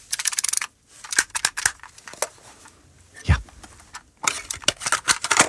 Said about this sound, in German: Kommt euch dieses Geräusch irgendwie bekannt vor? Ja, dieses Plastikklackern. Oh ja, pure Nostalgie, der gute alte Kassettenspieler im Kinderzimmer damals oder eben als Walkman.